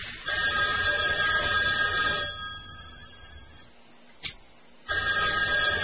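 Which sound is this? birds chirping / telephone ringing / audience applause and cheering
telephone ringing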